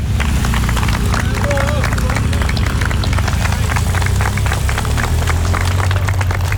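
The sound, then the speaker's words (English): Steady applause from friends, colleagues and supporters as a peloton of police officers on bicycles sets off on a 200-mile challenge: dense overlapping claps at an even loudness throughout, with a hum of voices and cheering mixed underneath. “It started, and as you can hear, the applause from friends and colleagues and supporters as they start this 200-mile challenge.”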